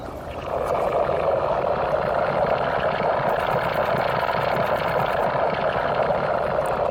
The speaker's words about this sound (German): Das Innere eines Komposthaufens haben Sie da gehört. Zu erleben war die akustische Installation letztes Jahr beim Kunstfestival